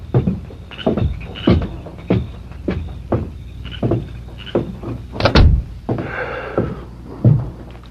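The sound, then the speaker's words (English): A door shuts with a solid thunk, surrounded by a run of softer, evenly spaced thuds and light rattling, with no voices present. “Who was at the door?”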